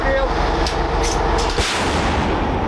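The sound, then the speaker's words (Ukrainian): A Bohdana self-propelled howitzer fires a single booming shot at a target, the blast bursting out of a constant heavy rumble of engine and field noise, with a few sharper clanks just before it. “Богдана може бити по цілі за десятки кілометрів.”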